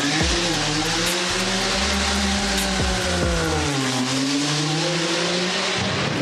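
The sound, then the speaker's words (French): Race cars launch hard at full speed off the start line of the hill climb at Goodwood, heard from right at the edge of the line, several loud roaring engines revving and climbing in pitch over one another, with a steady wash of noise and a hint of tire squeal throughout. “La ligne de départ, on est juste au bord, les voitures s'élancent pleine balle.”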